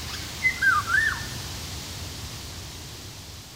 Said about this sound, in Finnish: Myös tieteellisen nimen Oriolus oriolus epäillään kuvaavan linnun ääntelyä.